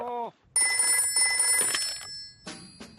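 household object, telephone ringing

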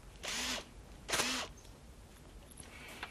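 tool, power drill running

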